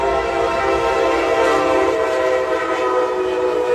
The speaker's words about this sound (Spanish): Y bueno, en Miami, el auto de una familia se detuvo en las vías del tren y cuando vieron que la máquina se acercaba, esto fue lo que ocurrió. El auto dejó de funcionar y la familia se bajó.